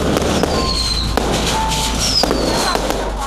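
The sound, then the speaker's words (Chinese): Firecrackers crackle in a dense, continuous barrage in a small village in Fangcheng County, Nanyang, Henan, China, on 6 January 2026, as villagers crowd the village entrance to welcome a long-lost son home; sharp pops overlap without pause against a noisy outdoor background, with faint whistling tones threading through. “2026年1月6号，河南南阳方城县的一个小村庄里头啊，鞭炮声响彻云霄，村民们挤满在了村口。”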